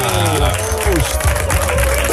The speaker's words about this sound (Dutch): wat een luid applaus. Heel veel mensen.